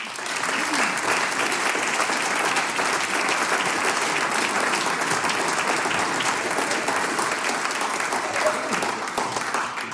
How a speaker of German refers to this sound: Danke fürs Dabeisein. Ein Applaus für euch.